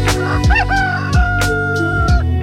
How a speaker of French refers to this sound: Mais attendez, un coq ?